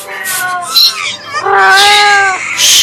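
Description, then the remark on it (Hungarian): An angry cat yowls loudly: a short, wavering wail followed by a longer, drawn-out screech, with harsh hissing breath at the end, as it leaps at a robber's face after he holds a match to its glowing eyes. “Az ám, de a macska nem vetett répára, hogy a szemébe gyújtószálkával akarnak piszkálni, és nekiugrott a rablóképének, szempe kapta.”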